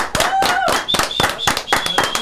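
Audience applause, a loud, steady patter of many hands clapping for about two seconds, with thin high-pitched tones sliding over the claps.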